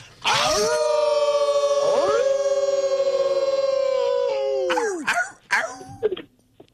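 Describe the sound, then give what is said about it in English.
A man in Virginia lets out a long, loud, sustained wolf-like howl lasting several seconds, then breaks off into a few short vocal yelps and sounds at the end. “One of our mighty favorites is the Mighty Wolf in Virginia. We always bring him in respectfully in 3, 2, 1.”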